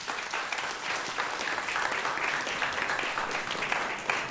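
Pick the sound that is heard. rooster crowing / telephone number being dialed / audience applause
audience applause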